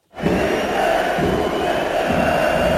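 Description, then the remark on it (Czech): A large crowd of Sparta Prague fans in the kotel chants together at a Czech league match against Teplice, jeering new signing Matěj Jurásek with vulgar chants, a dense roar of many voices rising in loud, rhythmic surges that continue without a break. “Už při rozcvičce se spustil na Matěje Juráska z kotle pokřik, který pokračoval vulgárními výrazy.”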